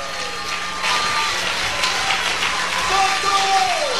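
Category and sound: crowd, audience applauding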